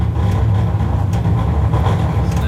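Airplane engines idle with a steady, loud low drone and a faint rhythmic throb, continuous, with no voices over it: the engines throttled back as the airplane comes in to land.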